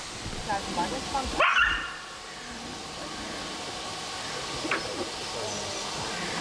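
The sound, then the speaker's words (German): Young wolves yelping and barking during an encounter at a wolf enclosure: one loud, sharp, high-pitched yelp rises out of a steady noisy background, followed later by a second, much fainter yip. “Erleichtert bin ich schon mal, dass die erste Begegnung nicht so geendet ist, dass jetzt einer von den jungen Wölfen verletzt ist.”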